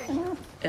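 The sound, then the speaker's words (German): A dog whimpers in two short, high, tonal whines, the second rising sharply after a brief pause. “Entschuldigung, das ist nicht Ihr Hund, das ist unser Hund.”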